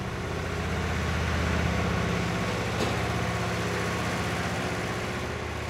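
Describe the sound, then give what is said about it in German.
A tractor engine runs steadily throughout on a farm that offers daily tractor rides to holiday guests, a loud, low, chugging drone with a constant rumble and no voices over it. “Mutter Anja kümmert sich um die Gäste und bietet täglich Treckerfahren und Ponyreiten an.”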